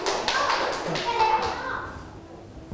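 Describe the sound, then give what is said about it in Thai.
A short burst of scattered clapping from a group of children in a classroom, applauding group 5 after a maths exercise, a patter of many quick claps that fades after about two seconds, with faint children's voices underneath. “อ่ะปรบมือให้กลุ่มที่5หน่อยเยี่ยมมากนะ”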